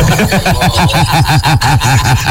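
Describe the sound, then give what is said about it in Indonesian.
A loud, continuous sputtering vehicle exhaust on the street, a fast train of low, throbbing pulses repeating several times a second with a rough, buzzing edge and no voices over it. “Lu lagi di jalan Chat. Itu ada knalpot berbet-berbet.”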